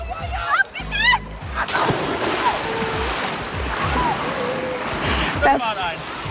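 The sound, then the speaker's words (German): A loud splash as a person lands bottom-first in the water of a swimming pool in Imst, Tyrol, followed by several seconds of churning, sloshing spray; excited voices call out before the plunge and again near the end. “Perfekte Landung, ja, am Hinterteil mit viel Spritz.”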